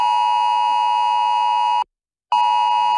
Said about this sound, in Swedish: Det är varningslarmet SE Alert som kan skickas ut när något allvarligt händer. Alla som har en uppdaterad smart mobil får det, även om den är i tyst läge.